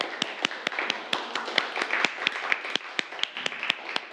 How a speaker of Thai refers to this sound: ก็ปรบมือให้กับตัวเองทุกกลุ่มเลยครับนักเรียน